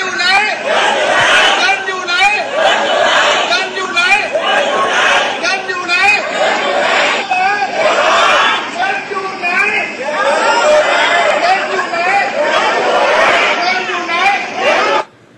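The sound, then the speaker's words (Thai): A crowd of villagers chattering all at once, a loud, continuous babble of overlapping voices with no single speaker standing out, holding steady for about fifteen seconds before cutting off, heard in a field report sent in to a news program. “ได้ยินครับได้ยินครับได้ยินเสียงชาวบ้านมากกว่า”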